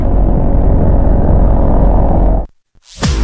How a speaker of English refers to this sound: Thunder and lightning on Super Talk Mississippi. Listen!